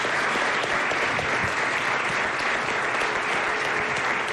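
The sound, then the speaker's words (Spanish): A crowd applauds steadily for chef Carmelo Bosque of Lillas Pastia, who coordinates a Michelin-star dinner. It is a dense wash of many hands clapping at once, sustained and fairly loud throughout, with no voices standing out. “Así que un aplauso. Fuerte aplauso, por favor, para”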